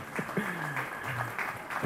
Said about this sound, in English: round of applause.